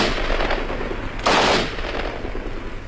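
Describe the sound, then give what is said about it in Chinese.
A sudden dense burst of gunfire crackles continuously from behind a mountain ridge, the rapid shots swelling into a louder volley partway through, with no voices. “突然从山梁后面响起了一阵密集的枪声。”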